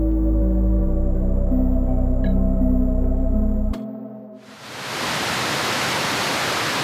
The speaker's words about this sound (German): Dort, wo bis zum 11. September die beiden Zwillingstürme standen, befinden sich heute zwei riesige Wasserbecken. An allen vier Seiten stürzt das Wasser in die Tiefe, ununterbrochen Tag und Nacht.